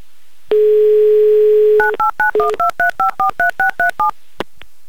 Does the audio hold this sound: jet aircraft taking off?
no